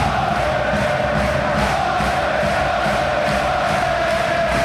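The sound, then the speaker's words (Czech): About ten thousand home fans chant and sing in unison before a world championship final against Finland, backed by steady rhythmic clapping from steep stadium stands. The sound is loud and continuous, a dense wash of stadium noise. “Deset tisíc fanoušků už dlouho před zápasem skáče, tleská a zpívá.”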